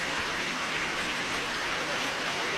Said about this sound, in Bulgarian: Бурни аплодисменти, абсолютно заслужени